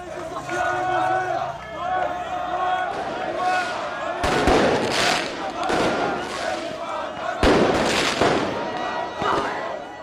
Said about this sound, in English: Thousands of officers were deployed in the capital where crowds set off fireworks and flares.